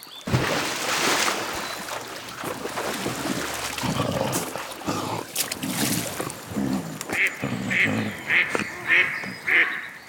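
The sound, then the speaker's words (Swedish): A duck quacks in a quick run of about five short, evenly spaced calls near the end, following several seconds of rough, splashy background noise. “krockar med en and. Anden rusar upp på land.”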